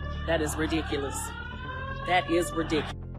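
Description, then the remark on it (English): A steady, wailing flood warning siren drones in the background, its pitch gliding slowly for a few seconds, while people talk over it before it cuts off. “There was full, I mean, this is despite the flood sirens.”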